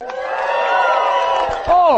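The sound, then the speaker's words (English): The studio audience of the show Living Right with Dr. Ray cheers loudly and steadily, many voices blending into a sustained roar, with a single high whoop rising and falling near the end. “You cheer for yourself louder than you cheer for me.”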